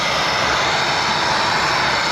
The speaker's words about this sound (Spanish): Este era el sonido del primer Eurofighter que aterrizó en la base aérea.